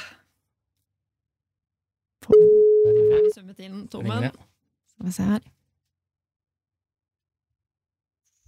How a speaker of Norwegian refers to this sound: Skal vi bare prøve å ringe da? La oss se. Vedkommende må jo ta telefon for å ha sjanse her.